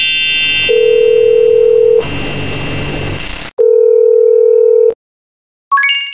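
A telephone ringback tone sounds while a call is placed: two steady, medium-loud hums about a second long with a pause between, followed by a quick burst of rising electronic beeps. No one speaks.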